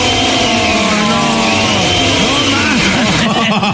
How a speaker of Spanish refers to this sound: Todo este tiempo, chico, estuvo prendiendo la licuadora en otra casa. Prendiendo la maldita licuadora.